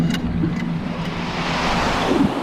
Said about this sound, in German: Wir zwängten uns hinein. Ein Windstrom nahm uns mit.